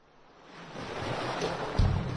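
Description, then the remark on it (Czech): Ocean surf rushes in on the warm Albanian coast at Durrës (Drač), a broad hiss of water that swells steadily louder and ends in a heavier, fuller wash. No voices are heard. “Zamislite jutro u šum talasa, a večeri na toplom albanskom primorju.”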